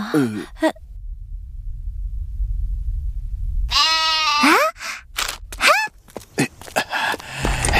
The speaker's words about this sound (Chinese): 这是一只山羊。 山羊，那就叫你小山吧。